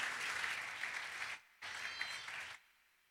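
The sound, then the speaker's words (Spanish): A crowd applauds for the speaker's wife, dense clapping that breaks off briefly, then resumes just as strong before fading out. No one speaks over it. “Un aplauso para en mi punto de apoyo.”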